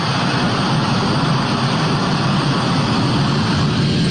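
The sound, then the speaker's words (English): A military C-17 transport jet carrying the remaining troops roars during takeoff from Hamid Karzai International Airport on August 30th, a loud, dense, continuous engine rumble with a hissing top end, holding steady throughout with no voices. “The last C-17 lifted off from Hamid Karzai International Airport on August 30th, this afternoon”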